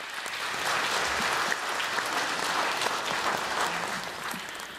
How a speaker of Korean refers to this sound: 여러분 큰 박수로 스님을 모시겠습니다.